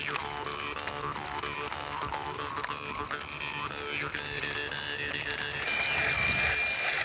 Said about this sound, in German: Ach, mein Handy hat sich gemeldet. Also eine neue Quizfrage.